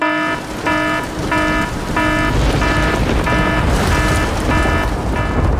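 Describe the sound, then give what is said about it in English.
A rapid, repeating electronic 'rain alarm' sound effect beeps in evenly spaced bursts, about nine pulses, over a steady hiss of heavy rain or static, loud with no talking. “If it is, let us know, because we need to sound the rain alarm.”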